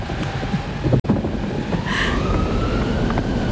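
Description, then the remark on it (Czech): A strong polar wind roars steadily with a thin, wavering whistle riding above it, like an icy gale howling. There is a brief dropout early on, and nobody speaks. “Oheň, voda, vítr, vítr. Tohle to je pánice polární.”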